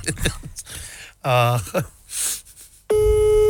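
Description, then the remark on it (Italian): Breathy vocal sounds and a gasp give way to a loud, steady telephone line tone that starts abruptly near the end and holds without a break. “Telefonata. Sentiamo la risposta.”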